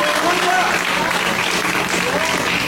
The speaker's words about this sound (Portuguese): E a igreja pode glorificar com mais palmas para Jesus.